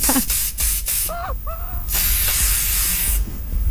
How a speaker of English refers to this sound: I'm just spraying stuff down to make sure no ticks get me